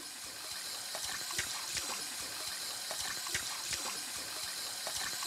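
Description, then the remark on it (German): Water runs steadily from a tap as a zookeeper draws drinking water for a chameleon at Zoo Bremerhaven, a continuous soft hiss dotted with small splashing and dripping sounds, with no one speaking. “Tierpfleger Thomas Grunert steht an der Zapfanlage.”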